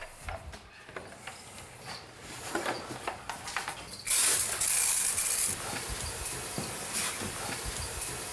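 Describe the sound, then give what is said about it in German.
Bursts of hissing spray of hot water from a nozzle onto iguanas to raise the humidity, starting with short intermittent puffs and building to a loud, sustained blast mid-clip, then a steadier softer spray with faint mechanical clicks. “Also wir sprühen die Tiere damit ein, deswegen ist das Wasser auch heiß.”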